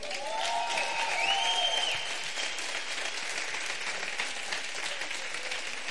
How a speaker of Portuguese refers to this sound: Bom, galera, queria mais uma salva de palmas para ….